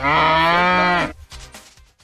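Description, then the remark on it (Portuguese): A single loud ox moo with a rich harmonic tone lasts about a second, then breaks off into quieter, scattered low sounds. “você tá pondo um boi aí.”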